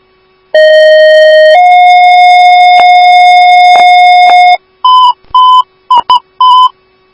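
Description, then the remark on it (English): Fire dispatch alert tones for Station 1AF, sent for 7150 Camera: a loud steady tone that steps up to a slightly higher pitch and holds for a few seconds, followed by a quick run of five short, higher beeps. No voices. “One Bravo Station 1AF, these are your tones for 7150 camera.”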